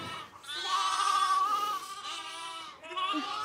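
Bottle-fed lambs, among them Winnie and Carlo, bleat at evening feeding time in quick succession, a long wavering cry followed by two shorter ones, high-pitched and nasal, fairly loud with no talking.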